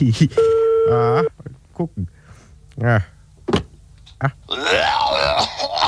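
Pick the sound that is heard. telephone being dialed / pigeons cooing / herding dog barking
telephone being dialed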